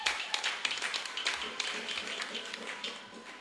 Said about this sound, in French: Ce que j'ai dit là, vous l'avez compris et puis vous applaudissez là.